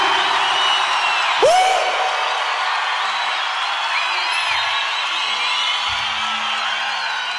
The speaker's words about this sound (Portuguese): Aleluia! Uma salva de palmas bem mais forte para Jesus!